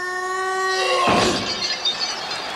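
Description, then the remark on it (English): A steady ringing tone holds for about a second, then is cut off by a loud shattering crash as a caveman fighting an armored knight shatters a ring post, scattering into bright, tinkling debris before fading. “The caveman, after shattering the ring post,”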